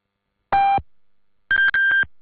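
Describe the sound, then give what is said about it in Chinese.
A China National Radio time signal marking 12:30 Beijing time: electronic pips, one steady lower tone, a short pause, then a quick run of several higher-pitched beeps, clean and loud with no voices. “北京时间12:30。”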